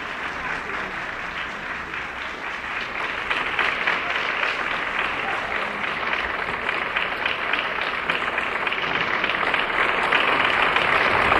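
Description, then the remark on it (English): Sustained applause from a large audience for the Interlochen Arts Academy Band and conductor Colonel Arnold Gabriel after a performance, dense and steady clapping that swells slightly louder toward the end, with no voices standing out. “The applause continues.”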